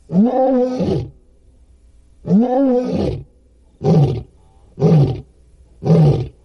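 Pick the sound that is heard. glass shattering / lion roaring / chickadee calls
lion roaring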